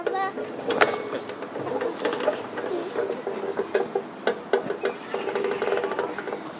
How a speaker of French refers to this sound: Maintenant le bruit du grincement du poteau de la balançoire.